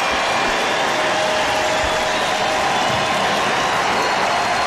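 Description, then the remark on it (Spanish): A large stadium crowd at a baseball game stands and applauds a player, cheering in a steady, dense roar of clapping and voices that holds at a fairly loud, even level throughout, with no single speaker standing out. “Todo el mundo empieza, se levanta y lo aplaude por ese gesto tan lindo de estar jugando béisbol en uno de los días más tristes de su vida.”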